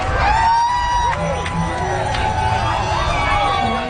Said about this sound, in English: Prime Minister was welcomed with cheers from the crowds. This was Toronto's 45th annual Pride event, billing itself as the second largest celebration of the 2S LGBTQ plus community in the world.